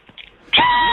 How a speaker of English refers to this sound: Very calming animals. It gets my goat. Yes, there sure. Absolutely. It's a real goat, man.